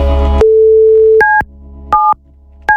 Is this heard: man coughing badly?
no